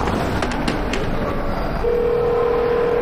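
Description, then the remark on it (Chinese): A few quick telephone keypad presses click out over a steady background hiss as someone dials a classmate's home, then a continuous phone tone starts and holds to the end. No one speaks. “我不敢给他家里打电话，你能帮我打电话吗？”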